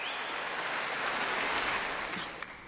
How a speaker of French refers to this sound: Et puis vous l'entendez, hein, le public de Stockholm n'a de toute façon pas très envie que le concert s'arrête. Je vous laisse retrouver les applaudissements et ….